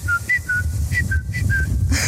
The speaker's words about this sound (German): Das ist so ein ganz bestimmter Vogel, den ich da früh immer höre. Und das ist für mich irgendwie das Zeichen von Frühling. Dieser.